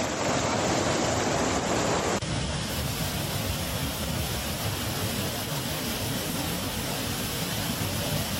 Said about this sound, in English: Wow, so much water. They're carrying these cars down this new river in the street.